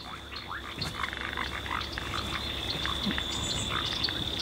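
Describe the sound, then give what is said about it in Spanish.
A dense chorus of frogs and toads croaking continuously, many overlapping calls at once, with a steady high insect-like trill running underneath; no voices. Recorded in a wetland beneath a forest of giant mañío trees in Pumalín Park. “Acá se escuchan las ranas y sapos que viven en esta zona húmeda.”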